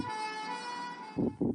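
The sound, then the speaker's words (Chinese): A steady, high-pitched ambulance siren wail holds through the whole moment, in Zhengzhou, Henan, China, joined near the end by two low, heavy bursts like passing traffic or engine rumble. “河南郑州十辆汽车因不给救护车让行受到处罚。”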